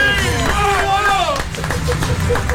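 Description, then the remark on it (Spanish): A crowd breaks into loud applause for Luis Ventura, the president of Aptra, with scattered claps and cheering voices under a lively babble of people whooping over the steady clapping. “Luis Ventura, el presidente de Aptra, fuerte el aplauso para Luis.”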